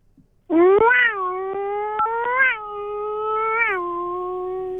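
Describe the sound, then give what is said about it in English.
A voice imitates a Formula One engine revving as a best rev noise: a loud, sustained buzzing whine that surges upward in pitch three times before settling, with a slightly cat-like, meowing edge. “It's like a Formula One, I think. Kind of like a Formula One and a bit of a cat as well.”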